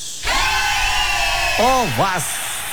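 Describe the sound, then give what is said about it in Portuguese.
A crowd cheers Pombal FM radio's 38th anniversary with a steady roar, and shrill voices rise above it in long whoops and sliding little screams that swoop down and back up near the end. “38 anos, merece aplausos. Gritinhos.”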